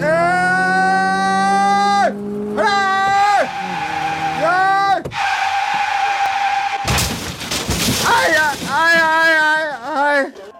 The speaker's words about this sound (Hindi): क्या हो गया? आए, गाड़ी ठुक गई। गाड़ी ठुक गई।